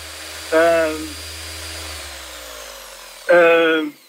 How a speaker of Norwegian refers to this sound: Hører du hva dette her er? Hør du der? Nei, du må hjelpe meg litt der. Det er sirkelsaga.